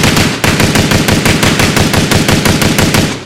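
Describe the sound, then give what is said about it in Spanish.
Rapid bursts of gunfire from a person shooting crack out in a fast, steady rhythm, loud, shot after shot for about three seconds with a brief break near the start, no voices. “le puse una persona que está disparando y nunca supo cuántos disparos fueron”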